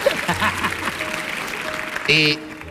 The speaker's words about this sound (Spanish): Bien, eso ahí se merece un aplauso desde el final, ahí. Eso es lo que estaba buscando.